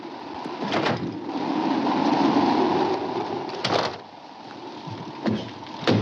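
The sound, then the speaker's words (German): A steady, roaring sandstorm wind whips up red sand and whistles around a saloon among barren rocks, swelling and easing, broken by three sharp, bursting gusts or knocks. No voices are heard. “Der Sturm peitscht den roten Sand auf, verdunkelt den Himmel, pfeift um einen Saloon, der zwischen den Felsen auftaucht.”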